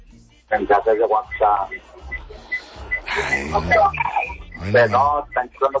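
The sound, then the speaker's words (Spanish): A few short, high electronic chimes, WhatsApp message alerts, ping briefly and fairly faintly in the middle while people talk over them. “Mensajes de WhatsApp.”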